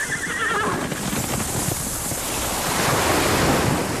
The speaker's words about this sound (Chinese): 大海